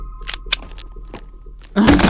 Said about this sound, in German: Bleibt hinter mir. Ich mache jetzt die Tür auf.